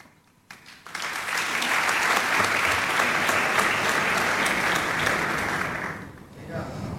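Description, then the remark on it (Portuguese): An audience bursts into sustained applause, partly for lyricist Tiago Torres da Silva, a dense, steady wash of clapping that holds for several seconds before fading out near the end. “Metade dessas palmas são para o Tiago Torres da Silva.”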